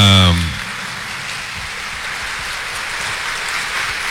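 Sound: audience applause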